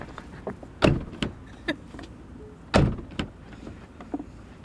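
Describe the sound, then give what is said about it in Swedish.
A car's rear power window hums down, then a door is opened and slammed shut twice, heavy thuds with lighter latch clicks and knocks between, no voices. The car is in a parking lot in Ullared, Sweden. “Okej, drar vi ner rutan här då. Snett bakom. Där gick den ner. Och så öppnar vi och så stänger vi 3-4 gånger.”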